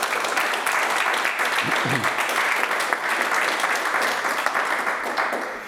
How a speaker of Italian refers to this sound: Intanto un applauso.